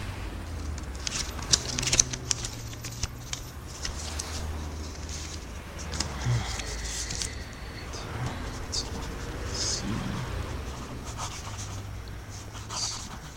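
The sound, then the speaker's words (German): A pen scratches across paper in short, irregular strokes, fairly soft, as someone in a phone booth writes down a phone number circled in red in a phone book, over a low steady background hum. “Schreiben Sie sich die auf.”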